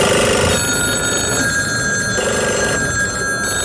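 A telephone rings insistently, its bright electronic trill repeating in short bursts with brief gaps. The ringing is loud, with no voices over it.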